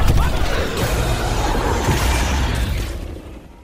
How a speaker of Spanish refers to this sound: Al atardecer, fuegos artificiales estallan en torno al iluminado castillo de Cenicienta, edificado sobre las dos riberas de un río que serpentea por un fértil valle.